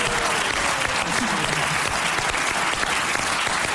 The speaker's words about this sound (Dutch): Nou, geef ze een applaus, dames en heren.